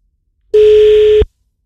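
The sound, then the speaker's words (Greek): A single steady telephone line tone sounds for under a second, loud and clear with no voices, then cuts off abruptly: the second call attempt in a contest on the radio station 92.9 Kiss, with no line getting through. “Δεν έχουμε γραμμή ούτε στη δεύτερη προσπάθεια. Συνεχίζουμε με την τρίτη.”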